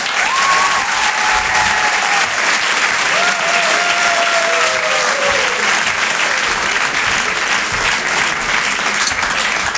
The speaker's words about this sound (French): On peut l'applaudir très très fort, puis on passe sur les chansons. Merci de garder cette énergie, de faire un tonnerre d'applaudissements pour ….